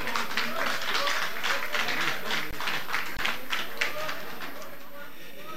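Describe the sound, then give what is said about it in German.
A crowd applauds with dense, continuous clapping that holds steady for several seconds, then tapers off slightly at the end, with faint voices mixed in beneath. “Applaus, liebe Leute.”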